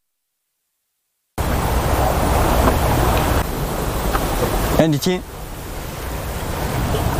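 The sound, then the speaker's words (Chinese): Waves of Poyang Lake lap against the rock cliff of Shizhong Mountain below the Linhu tower with a steady rushing wash and a hollow, resonant boom as water flows into a cave. A person speaks briefly midway through. “是，它就是这个浪拍打，一个是这个浪拍打的声音，还有这个浪感觉这个流到了这个一个洞穴里面，然后产生这个共响。”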